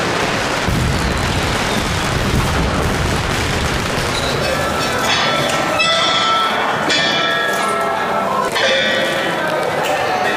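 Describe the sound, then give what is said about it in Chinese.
Firecrackers crackle and pop in a dense, continuous barrage, with several sharper bursts standing out, over a loud, busy crowd din that suggests voices without clear speech. Villagers set off firecrackers along a crowded street during a dragon parade, which stops to perform whenever they go off. “每逢鞭炮声响起，游龙便要停下来为父老乡亲献上表演，将气氛推向高潮。”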